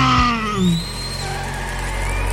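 A NASCAR race car engine revs with rising and falling pitch sweeps, loud, over a steady low rumble, with a brief tire-skid squeal near the start.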